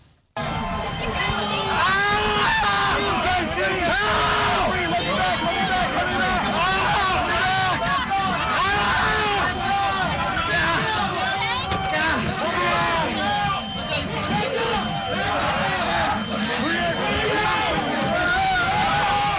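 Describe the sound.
A mob crushes a Metropolitan Police officer against a door on January 6, 2021: a dense, loud roar of many overlapping shouting voices surges continuously, with strained cries rising out of the chaotic din throughout.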